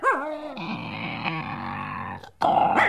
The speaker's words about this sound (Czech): Medvěd, koukni, Žery. Celou dobu byl tamhle vzadu.